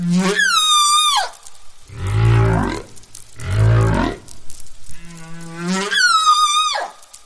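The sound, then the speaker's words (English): Humpback whale song recorded at a wintering ground in the South Pacific, with no talking: high, wavering harmonic cries open and close the sequence, framing two deep, rumbling moans and a softer mid-pitched moan, all loud. “Even though that song was new, it had spread rapidly through multiple whale populations, replacing the old tune.”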